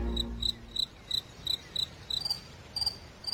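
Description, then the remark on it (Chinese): A cricket chirps in a steady, even rhythm, about ten short shrill pulses in a row, clear against an otherwise quiet background. “蟋蟀已经变成大人玩意儿了，但是大人的兴趣在斗，而我们对于捉蟋蟀的兴趣恐怕要更大些。”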